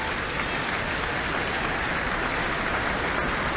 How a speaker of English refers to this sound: The orchestra on their feet again to receive their applause.